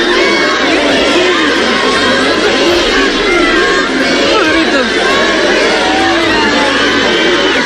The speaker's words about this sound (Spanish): y de melillenses a echarse a las calles engalanadas para la ocasión, con bandas y con banderas rojigualdas para recibir a los reyes con toda clase de vítores y con gritos de júbilo y de ¡Viva España!